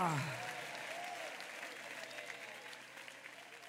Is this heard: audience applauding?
yes